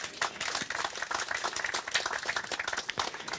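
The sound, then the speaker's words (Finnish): An on-site audience at a broadcast applauds, a dense, steady patter of many hands clapping at once for a few seconds, moderately loud and without talking over it. “Eikö tämä ole aplodin arvoinen asia?”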